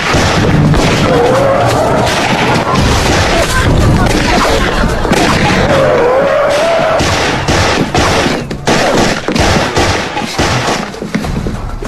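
Loud, sustained, deafening gunfire crackles in dense volleys of sharp shots, with booming blasts throughout and the firing growing choppier toward the end, at overwhelming volume.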